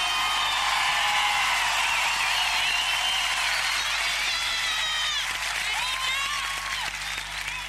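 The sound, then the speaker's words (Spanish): A large audience claps and cheers steadily throughout, dense and loud, with whistles and shouts rising over the applause before it begins to thin slightly toward the end. “¡Los aplausos!”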